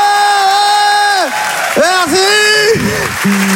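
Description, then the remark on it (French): A loud crowd whoops and cheers in long, sustained, pitched shouts that rise and dip, with a steady bed of clapping and crowd noise underneath throughout, as a comedy show audience answers comedian David Azria's question of who thinks his haircut is bad. “Par applaudissement, qui trouve que j'ai une coupe de merde?”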